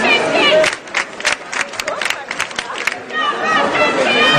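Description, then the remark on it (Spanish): A dense protest crowd at a demonstration in Frankfurt shouts and chants together, including Italian shouts of 'we are all antifascists', voices overlapping in a loud, steady roar with rhythmic bursts, some clapping mixed in, no single voice standing out. “puede entender más o menos gritos en italiano diciendo somos todos antifascistas.”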